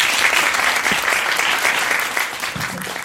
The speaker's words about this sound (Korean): 그리고 세 분께 다시 한번 큰 박수 부탁드립니다.